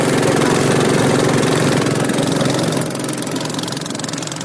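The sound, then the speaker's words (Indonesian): The motor of a small fiberglass boat, about 8 meters long and 1 meter wide, idles steadily in Kampung Laut, Cilacap Regency, Central Java: a loud continuous rumbling drone with a fast mechanical chug that eases slightly in volume toward the end. “Perahu fiber dengan panjang 8 meter, lebar sekitar 1 meter ini digunakan untuk berpergian dari rumah mereka ke wilayah kota Cilacap atau berada di sekitar kecamatan Kampung Laut.”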